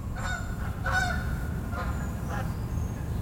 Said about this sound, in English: I'm sitting on my deck in Bellingham in Washington, and the birds have grabbed my attention like they usually do. In this case, a flock of Canada geese flying over. How perfect was that?